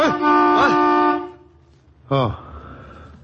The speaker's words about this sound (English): Good thing that car horn brought me out of it.